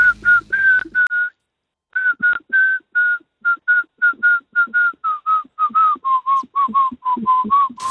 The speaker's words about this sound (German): kannst du das … mal pfeifen?